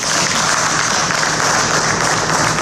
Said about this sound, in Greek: Συγγενείς και φίλοι χειροκροτούν τον ιατροδικαστή Χανίων την ώρα που αποχωρεί από το δικαστικό Μέγαρο Συνοδεία Αστυνομικών.